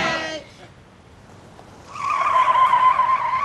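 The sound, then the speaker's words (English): A car peels away with a loud, sustained tire screech lasting over a second, in San Jose. A brief voice is heard at the very start, followed by a quiet pause before the squeal. “Hey, get in the car,”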